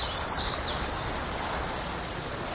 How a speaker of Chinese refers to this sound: 草原，大海。如果有一天，这些美好的声音突然消失